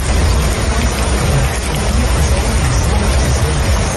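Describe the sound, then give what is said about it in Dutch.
A heavy thunderstorm downpour heard from inside a car, rain drumming on the roof in a dense, steady roar with a deep rumbling undertone, continuous throughout. “Het is flinke herres in de lucht en op de grond momenteel.”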